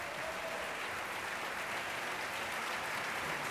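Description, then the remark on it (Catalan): A large opera audience gives a sustained ovation to all the soloists, who bow holding hands as the curtain rises: dense steady applause filling the whole clip with an even, hissy wash of clapping and no voices standing out. “S'apaguen un pèl els llums perquè ara sí que s'alçarà el taló i el públic podrà premiar amb una gran ovació a tots els solistes agafats de la mà que saluden el públic i així els premia.”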